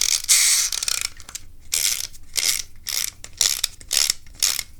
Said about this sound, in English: I got my green boat here. Adjust the motor. Wind it up.